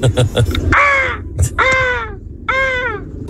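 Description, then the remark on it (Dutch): A man's voice imitates a peacock with three loud, nasal, wailing calls, each rising then falling, separated by short pauses. “Nou, ik ken best wel goed een pauw nadoen.”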